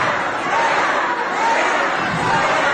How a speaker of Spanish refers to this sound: Van a oír una rechifla que se llevó la presidenta. Punto. Adelante. Va. Fuera, fuera, le gritan.